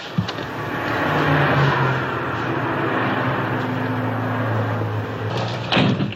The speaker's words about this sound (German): Er sieht, wie sie mit einem anderen Mann spricht, nachts im Auto. Er öffnet die Wagentür.